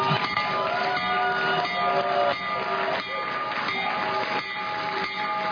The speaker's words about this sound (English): The president also rang the opening bell from the Oval Office as he hosted officials from the New York Stock Exchange and NASDAQ to commemorate the launch. So ring the bell, Mr. President.